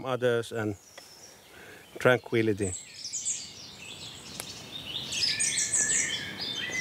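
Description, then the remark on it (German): Birds sing and chirp outdoors in a busy, overlapping chorus that grows fuller toward the end, with a man's voice speaking briefly at the start over the birdsong. “Selbst hier draußen, in der Natur. Vögel können ganz schön laut sein.”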